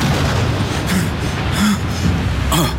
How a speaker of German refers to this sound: Mit einem schweren Donnerschlag erschien der Mond am Firmament.